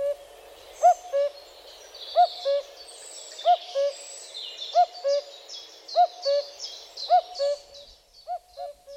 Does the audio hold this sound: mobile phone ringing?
no